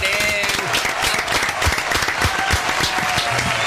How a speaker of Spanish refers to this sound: Aplauso para recibir a